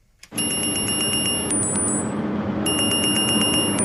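A lifeguard's wristwatch alarm at an outdoor pool, the Auebad in Kassel, beeps in rapid, insistent bursts of high-pitched tones, pausing briefly before resuming, triggered by an AI watching over 20 cameras, over a loud, steady wash of background noise like splashing water.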